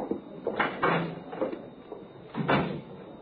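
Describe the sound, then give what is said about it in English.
A side door is opened and shut, heard as a series of wooden clunks and rattling knocks with short pauses between them over about three seconds. No one speaks. “Use the side door, will you?”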